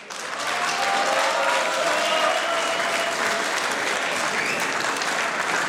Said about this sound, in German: Das ist euer Applaus.